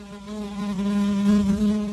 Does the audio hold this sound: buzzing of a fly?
yes